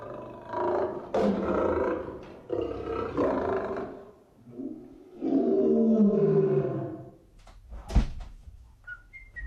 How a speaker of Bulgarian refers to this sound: Трябва да ви обясня звънците в този апартамент. Направени са от фирмата Ебер Крампи и Фич. Записи от истински рев на зверове. Хиената е звънецът на задната врата. Звънецът на парадния вход е рев на лъв.